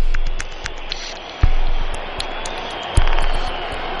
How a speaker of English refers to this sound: Frank Shorter of the United States has a real chance in this race. The crowd trying to let him know that he is the winner. And American Frank Shorter won the Olympic marathon that year.